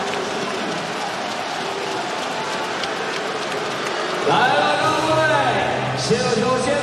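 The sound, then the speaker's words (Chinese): A large crowd of fans in an arena claps steadily for the players after a successful challenge, in a dense, crackling wash that runs throughout. Partway through it swells a little louder, with cheering voices and a sustained tone rising above the clapping. “来了，各位，先有球，先把掌声给到我们的球员吧。”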